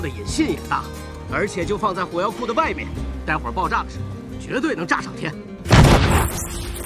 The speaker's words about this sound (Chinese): 他们准备开炮了，他们很快就能确定范围。